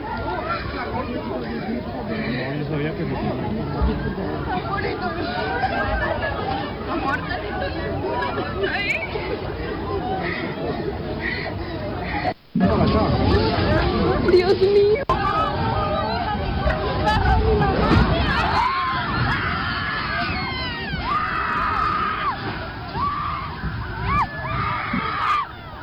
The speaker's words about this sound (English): You can hear the panic among the people in Colombia, running in panic and crying out, screaming. At the time when the earthquake just hit Colombia, blessed listeners, 7.4 magnitude earthquake, not a joke, blessed people, not easy at all.